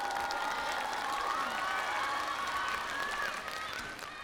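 Steady applause from an audience with cheering and whoops rising over it, a dense continuous wash of clapping that holds loud throughout and eases slightly near the end.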